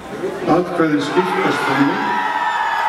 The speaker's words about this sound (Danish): Og da det i nat begyndte at ligne et nej, var der naturligvis jubel blandt modstanderne af forslaget.